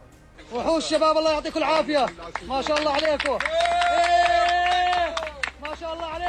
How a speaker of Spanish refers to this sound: Son los aplausos y los vítores que han vuelto a sonar durante al menos unos segundos cuando el equipo de rescatistas procedente de Jordania conseguía rescatarle con vida.